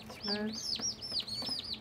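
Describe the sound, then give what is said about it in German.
Young robust-breed turkey chicks (Robustputen) peep in a quick run of high, arching calls, about five or six in under two seconds, with a lower buzzy note early on and no talking. “Diese Robustputenzucht, Christines Idee.”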